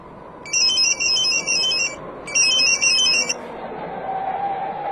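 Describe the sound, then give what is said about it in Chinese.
A telephone rings twice in bright, high-pitched electronic bursts, each lasting over a second with a short gap between, above a steady low rumbling background. “但是快到高威家的时候，一个电话打乱了苗振原有的计划。”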